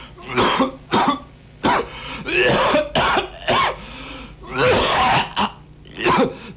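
A man coughs over and over, harsh, wet hacking bursts in an uneven stream, up close and loud, with throat-clearing rasps between fits and no speech.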